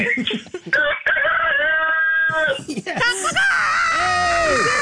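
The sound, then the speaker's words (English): A rooster named Norris crows loudly, a long, strained harmonic call stretching over several seconds, followed by wavering, screechy cries. “Wow, that worked. You got a great rooster there.”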